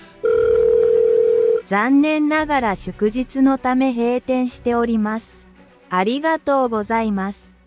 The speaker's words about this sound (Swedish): Men då var det ju en automatisk telefonsvarare som svarade någonting som jag naturligtvis inte fattade.